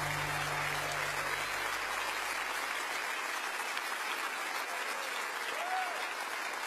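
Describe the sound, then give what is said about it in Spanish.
A crowd claps steadily and loudly throughout, a dense wash of applause from many hands, with a low hum fading out in the first few seconds. “ese aplauso a él.”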